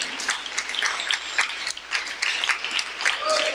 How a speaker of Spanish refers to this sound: Démosle un fuerte aplauso al Señor en esta mañana. No, pero déselo bien fuerte.